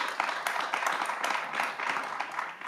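A steady burst of applause, many hands clapping in a dense, crackling wash that holds fairly even throughout without any voices.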